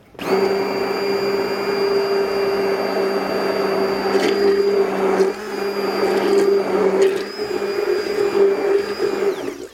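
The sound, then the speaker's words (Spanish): An electric hand blender whirs steadily for about ten seconds, its motor drone briefly dipping midway before resuming, with faint scraping and rattling as it churns thick, lumpy batter to break up the flour lumps. “Igual, no, bueno, es que con esto, claro, con esto ya tenía que sobrar con esto. Quiero decir, con la batidora.”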